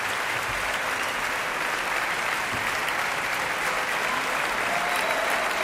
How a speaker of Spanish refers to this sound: Escuchamos la gran ovación ahora dedicada al propio Tan Dun, subido al podio de la Orquesta Nacional de España.